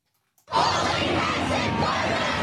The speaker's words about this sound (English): Students skipped school as part of the nationwide protests in capital cities across the country. Crowds were chanting expletive-laden slogans in Sydney, Melbourne, Hobart, Adelaide and Canberra.